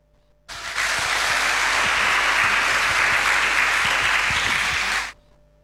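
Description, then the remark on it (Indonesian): A crowd bursts into loud, sustained applause after a farewell message from Paskibraka members, a dense wash of clapping that starts abruptly, holds steady for about four and a half seconds, then cuts off. No one speaks over it. “Sekali lagi kita berikan tepuk tangan Bapak Ibu.”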